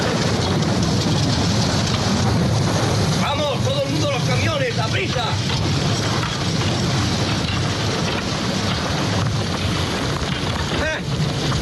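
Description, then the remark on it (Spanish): Steady, heavy rain pours in a dense continuous hiss throughout a scene from the film Cool Hand Luke, starring Paul Newman, where prisoners build a road in the rain, with muffled voices briefly audible beneath the downpour partway through. “hay un momento en el que lloviendo, mientras hacen una carretera a los presos y tal, el protagonista es Paul Newman, que escuchamos este fragmento.”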